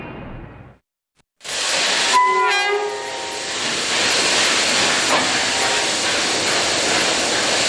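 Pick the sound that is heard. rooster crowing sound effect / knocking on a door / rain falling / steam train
steam train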